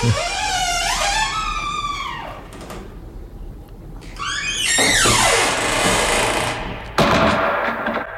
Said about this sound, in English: Sounds like a door being closed by a wizened hand with long, dirty fingernails. Closed up for another week.